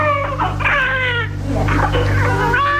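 A newborn baby boy's first cries, from a birth broadcast on Cadena SER medium-wave radio: two or three loud, high, wavering wails with rising and falling pitch, over a steady low hum, with no talking.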